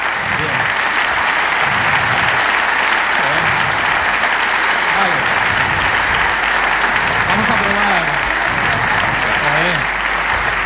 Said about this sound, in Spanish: También vale por intensidad, ¿eh? También vale por intensidad. Por intensidad también nos sirve, pero vaya, el largo ha sido bastante largo. Vamos a probar con... Pero no habían parado de aplaudir.